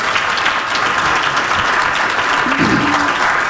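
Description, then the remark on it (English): An audience applauds steadily for the organization TE, a dense wash of many hands clapping at an even, fairly loud level throughout, with no one speaking over it. “So that's another round of applause.”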